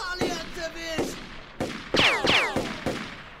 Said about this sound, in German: Ja, aber wenn ich den Felsen im richtigen Winkel treffe, dann... Na bitte! Hey, verdammt guter Schuss!